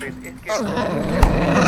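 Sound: dog growling and barking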